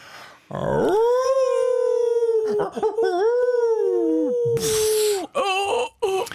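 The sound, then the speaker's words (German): People on Radio 1 howl like wolves as a self-made sound effect, a long sustained rising and falling wail held for several seconds, followed by a few shorter broken howls near the end, loud. “Achtung, wir machen nämlich hier unsere Effekte noch selber.”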